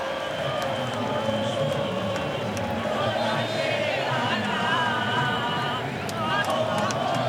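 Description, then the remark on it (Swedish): A large crowd of Argentine football supporters sings and cheers late at night in Kansas, USA, during extra time of Argentina's match against Switzerland, in a steady, dense roar, with chanted melodic lines rising over the constant hubbub throughout. “Argentinska supportrar, ni hör, sjunga och jubla.”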